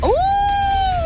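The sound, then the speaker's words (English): A child's voice imitates a wolf howl: one sustained, rising then steady tone, fairly loud, held for about a second with no other talk. “Oh, a wolf.”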